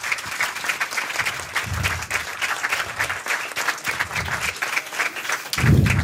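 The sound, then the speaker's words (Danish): Steady applause from a crowd welcoming newly appointed Danish culture minister Zenia Stampe onto a stage, dense overlapping claps at a constant moderate loudness throughout, with a few low thumps and a slight swell near the end; no one speaks. “Giv en lille hånd, nyslået kulturminister.”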